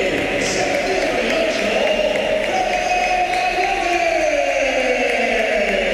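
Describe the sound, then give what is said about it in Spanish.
A large football crowd at the Bernabéu applauds Real Madrid's Fede Valverde as he is substituted off against Málaga, a loud, steady wash of clapping and cheering that holds for several seconds without breaking, with a faint rising and falling murmur underneath. “Aplausos para Valverde, olvidado lo de aquellos meses atrás con esa pitada a Valverde, esas pitadas.”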